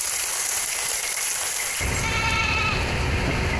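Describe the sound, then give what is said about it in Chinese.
Black goats bleat a few times in the hills and river valleys around Taiping village, against a steady, hissing outdoor background, with a deeper rumbling noise joining partway through. The calls are partly masked by the noise. “山丘河谷间黑山羊也渐渐多起来。”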